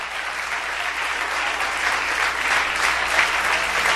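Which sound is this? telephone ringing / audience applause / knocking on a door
audience applause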